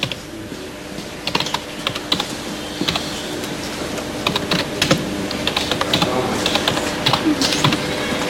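Steady keyboard typing while entering a name into a savings-book application form on a computer, a quick run of irregular clicky keystrokes with a few louder taps over a low constant hum, no voices.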